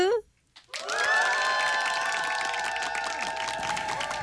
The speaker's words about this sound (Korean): 기상이 성공한 모든 분들께 박수.